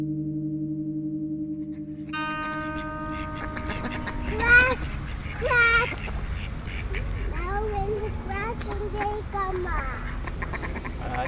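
Ducks quack close by: two loud, raspy quacks, then a run of quicker, softer calls over a steady outdoor hum.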